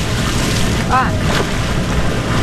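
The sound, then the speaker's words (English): A sculling boat glides through the water of the Cuyahoga River, with steady rushing water and wind noise, plus a brief high squeak partway through. “Okay, so you want to feel the blade in the water and move your boat past the blade.”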